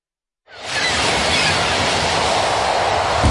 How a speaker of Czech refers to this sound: Když ráno rozsvítíte, když přijede tramvaj, když se otevřou dveře a město běží tak, jak má.